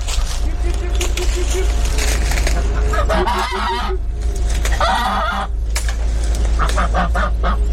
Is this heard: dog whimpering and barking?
no